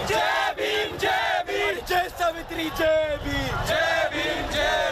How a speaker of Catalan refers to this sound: I aquests crits de protesta ens arriben de l'Índia.